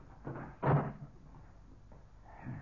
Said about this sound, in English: Now, I'll close this door.